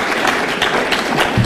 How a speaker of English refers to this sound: And they're clapping for it.